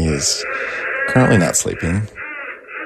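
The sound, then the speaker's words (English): A baby boy of about 9 months babbles and coos in the background, high wavering vocal sounds rising and falling in short bursts while a man speaks over them. “That's the sound of my son in the background.”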